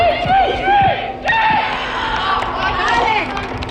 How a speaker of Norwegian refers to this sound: En av guttene på Nordreisas G13-lag setter ballen i mål på trening til stor jubel fra lagkammeratene. Treningen har de inne i Reisa Airdome, den nye fotballhallen som Storslett fikk for 2 år siden.